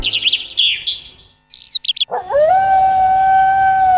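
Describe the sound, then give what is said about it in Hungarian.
A dog howls in one long, loud, sustained note that swoops upward and then holds steady. Birds chirp and tweet just before it, with a few brief tones in between. “Hallod? A természet hív. A kutyád nem csak házi kedvenc, benne még ott él az ősi ösztön.”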